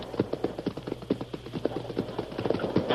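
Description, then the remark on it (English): A heavy hidden door in a cliff wall, disguised with scrub and vines, is raised on pulleys by renegades, creaking upward with rapid, steady wooden clacking and ratcheting that continues evenly throughout at moderate volume, with no voices. “Them renegades are raising a door right out of the cliff wall.”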